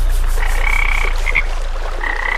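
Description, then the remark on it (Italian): Ambience of a pond in Salento, Italy, full of croaking frogs, their calls layered into a steady chorus with rising, buzzy trills over a constant low rumble; no one speaks. “questo stagno di merda non puoi vendermelo come cascate del Niagara nel Salento”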